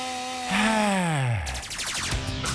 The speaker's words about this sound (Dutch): Zelfs met de hand zaag. Het is gelukt.